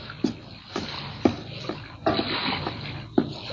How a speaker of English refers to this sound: Tarzan waited until night descended over jungle and sea, and then he glided through the shimmering water in a native canoe.